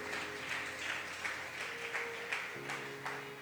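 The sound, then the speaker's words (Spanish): An audience claps together for the Lord one morning, a dense, steady wash of hand claps, with a sustained keyboard chord humming underneath that shifts to a lower note near the end. “Dele un palmas al Señor esta mañana.”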